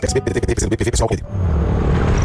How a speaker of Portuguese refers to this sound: Amor, ouviu essa moto? Deve ser um entregador.